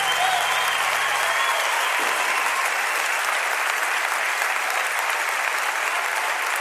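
Loud, sustained audience applause at an evening show, a dense steady wash of many hands clapping with no breaks, even in volume from start to finish.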